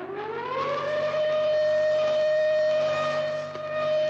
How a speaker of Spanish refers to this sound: Los tornillos, cargados de revisar las maquinarias, comprobaron con sus aparatos que la cuerda estaba acabándose. El dueño del reloj se había olvidado de darle cuerda antes de acostarse. Instantáneamente, hicieron sonar los aparatos de alarma.